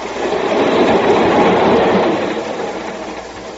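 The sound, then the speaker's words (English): A train rattles steadily along the tracks on Victor Dietrichson's train trip, a loud, continuous rumble and clatter that swells slightly and then eases a little. No one speaks. “Now Victor Dietrichson is dead and I'm taking his train trip for him.”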